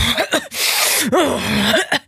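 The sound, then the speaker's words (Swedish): A person's voice mimics a man of about 52 sniffling and coughing as he comes into a building's entrance: a long, hissy snort in the middle surrounded by short, throaty coughing grunts, fairly loud with no other talking. “Nej, men jag har någon karl som bor mitt emot mig som man hör när han kommer in i entrén, för han snörvlar och hostar så fort han är, vad kan han vara?”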